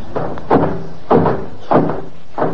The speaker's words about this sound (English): You going in? Yes, I'm going through that revolving door.